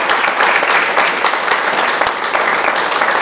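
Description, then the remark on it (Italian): An audience applauds steadily throughout, a dense, loud wash of clapping with no pauses and no voices standing out. “Allora, intanto un applauso.”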